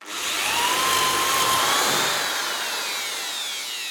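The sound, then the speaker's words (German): A power drill whirs steadily, its motor pitch sliding slightly as it bores two pilot holes and drives screws to join a board and a leg of a workbench clamped together, with no one talking over it. “Dafür spannen wir unser Brett mit den Löchern und einen Fuß mit einer Schraubzwinge zusammen, bohren zwei Löcher vor und schrauben sie zusammen.”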